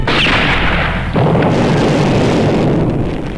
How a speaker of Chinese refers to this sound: 就在这时，正在进攻的鬼子突然乱了阵脚，在他们的身后传来了一阵枪声，几个鬼子应声倒下。